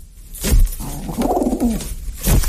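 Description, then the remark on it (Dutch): A pigeon named Draki gives a low, throaty, discontented grumbling coo, fairly loud, in one drawn-out rolling phrase framed by soft thumps or rustles, with no voices. “Draki knorde vooral ontevreden.”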